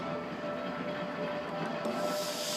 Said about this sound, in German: Die Personenzuglok hat mit dem kurzen Drei-Wagen-Zug keine Mühe. Im Flusstal gibt es kaum Steigungen zu bewältigen.